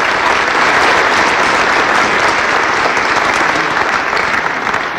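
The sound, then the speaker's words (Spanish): A crowd applauds the whole cabinet steadily for about five seconds, a dense, even wash of many hands clapping at a consistently loud level with no voices standing out. “Un aplauso a todo el gabinete, es parte de estos grandes resultados.”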